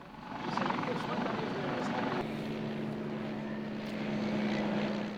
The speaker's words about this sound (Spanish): Más de 400.000 personas han disfrutado desde el viernes en Salou, Tarragona, la fiesta del cielo. El festival aéreo más grande de España, que ha llenado durante tres días el cielo de aviones de combate, aeronaves históricas y civiles.